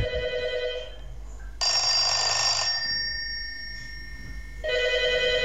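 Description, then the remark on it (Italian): An old 1970s SIP rotary telephone with a large bell rings loudly in long bursts with brief pauses between, its metallic clanging harsh and sustained, with no talking over it. “Signori, telefono SIP anni 70, suoneria grande.”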